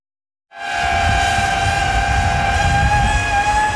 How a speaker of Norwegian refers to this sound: Lyden av en drone ikke til å ta feil av.